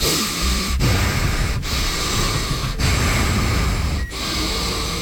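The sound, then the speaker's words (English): A voice imitates the heavy, labored breathing of a man who had just eaten a pound of bacon and five sticks of butter: loud, rough, noisy breaths repeating in a steady rhythm, each broken by a brief pause, with no words. “He was breathing terribly hard, and someone on our morning show said, hey...”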